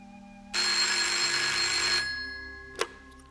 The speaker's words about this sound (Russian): Большая приемная, в которой хозяйничает энергичная секретарша. Телефоны разрываются, секретарша едва успевает отвечать на звонки.